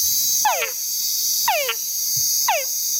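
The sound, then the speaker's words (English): Three descending whine calls of a male túngara frog, each a brief downward-sweeping call repeated about once a second, over a steady high-pitched chorus of insects. “And the males of this frog make a sound that we call a whine.”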